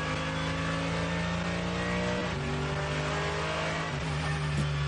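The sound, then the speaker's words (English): A race car engine hums steadily on a first lap in the dark with cold brakes and tyres, then the driver briefly dabs the throttle around the middle, a quick rise and drop in pitch, before settling back to a loud, even drone. No one speaks. “Just a dab of throttle and then off again, because he's got no heat in the front tyres here.”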